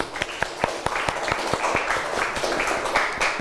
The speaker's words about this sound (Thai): โอเคค่ะปรบมือเพื่อนหน่อยค่ะ